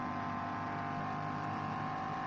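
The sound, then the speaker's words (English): The engine of a BMW racing car, number 23, climbing a hill drones steadily at high revs, a continuous buzzing roar with a strong harmonic whine that holds for the whole stretch, with no voices over it. “Sure, that's the engine noise.”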